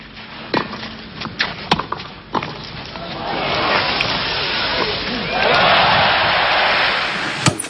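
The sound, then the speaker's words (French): A few sharp isolated knocks and claps give way to the crowd at the 1980 Roland-Garros final breaking into sustained cheering and applause for Björn Borg, the roar swelling louder in the final seconds before one last crisp hit. “Les acclamations pour Borg, héros de Roland-Garros.”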